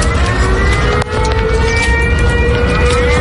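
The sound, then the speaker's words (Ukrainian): An air raid siren sounds again, wailing loudly and continuously, its steady tone slowly rising in pitch over a constant low rumble of background noise. “І саме в цей момент знову лунає сигнал повітряної тривоги.”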